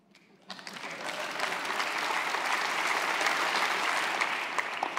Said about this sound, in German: Deshalb würde ich jetzt einfach mal, damit wir uns alle irgendwie wieder locker machen, einfach mal sagen, klatschen doch mal bitte alle, die sich selber noch verändern wollen.